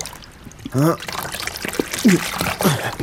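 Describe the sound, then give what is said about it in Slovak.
Water pours and trickles off a heavy fishing net as a man hauls it up out of the water, dripping and splashing over about three seconds, while he lets out short, straining grunts and exclamations. “Toľkú ťarchu som už dávno z vody neťahal.”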